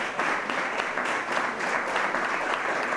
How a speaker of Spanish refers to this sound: Me van a permitir los varones que hoy el reconocimiento, el homenaje y el aplauso vaya para todas nuestras mujeres. Todas. Y cada una de ellas.